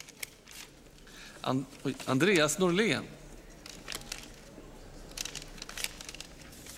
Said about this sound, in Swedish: och i Sveriges riksdag så fortsätter Andreas de att sprätta kuvert.